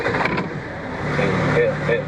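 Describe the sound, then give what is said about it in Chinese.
A luxury car's engine turns over and settles into a deep rumble that swells louder about halfway through, with faint muffled voices mixed in underneath. “来，现在我们来听听豪车启动时候发动机的轰鸣吧。”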